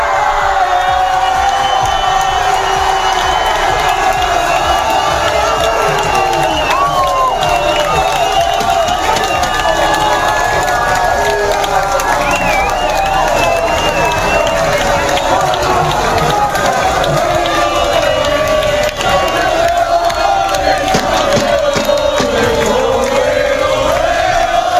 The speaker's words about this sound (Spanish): Y en esto que llegó el momento de levantar la Copa del Mundo los jugadores de la selección española, y así se celebró en uno de los muchos bares que estaban absolutamente abarrotados de aficionados en Sevilla.